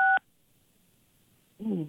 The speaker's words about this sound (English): Why are you beeping the phone?